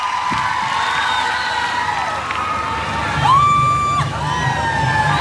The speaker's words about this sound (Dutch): En die ziet ook hoe het publiek helemaal wild wordt. Wat een fans, man.